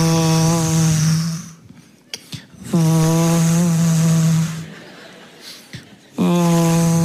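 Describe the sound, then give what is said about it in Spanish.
A wood planer runs as wood is fed through it, in three loud, sustained bursts, a steady droning hum with a rough, noisy edge, separated by short quieter gaps with faint clicks and knocks. “Cepillar madera es una máquina, cepilladora se llama, donde metes madera así.”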